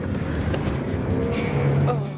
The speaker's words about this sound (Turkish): Kamyonet saplandı kaldı. Lastikler dönüp duruyor ve karda sadece daha derine gömülüyoruz.